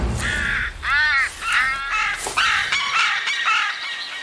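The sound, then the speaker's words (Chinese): A carrion crow caws loudly and harshly, about five or six raspy calls in quick succession, with no one speaking; the crow is stealing large chunks of fish. “当这两位顶级猎食动物展开正面交锋时，关小嘴乌鸦却开启了突击模式，不断地偷食大块的鱼肉，”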